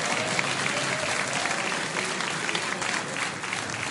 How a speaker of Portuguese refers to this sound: Palmas para Jesus.